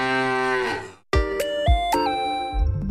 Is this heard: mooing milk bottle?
yes